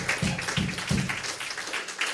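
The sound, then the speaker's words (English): Steady applause from an audience at an evening show, thanking the venue hosts, a dense wash of many hands clapping at moderate loudness for about two seconds, with a few low thumps in the first second. “Let's have a round of applause for them for always renting us, make us feel welcome.”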